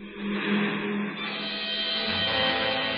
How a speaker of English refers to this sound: Here comes a car.